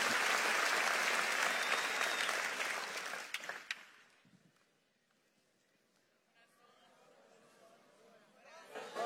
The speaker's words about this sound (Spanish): Si le vas a aplaudir, hazlo fuerte, vamos, hazlo con fuerza.